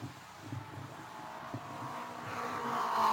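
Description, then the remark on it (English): The engine of Bill Vukovich's No. 98 Wagner Lockheed Brake Fluid Special race car drones steadily as he drives down the front straightaway, its pitch climbing and growing louder toward the end as it accelerates, with a rising whine over a low rumble. “He's in his car, and his car is running. He's coming down the front straightaway.”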